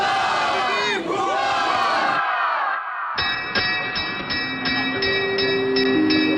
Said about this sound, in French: Oui, oui, c'est bruyant, je suis dans un café, il y a plein de jeunes.